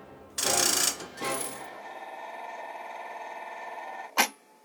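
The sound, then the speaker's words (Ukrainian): A broken mechanical toy nightingale hisses instead of singing: two harsh, loud bursts of hiss, then a steady, thinner hissing whir with faint tonal ringing, ending in one sharp click. “Та одного дня замість співу почулося якесь шипіння.”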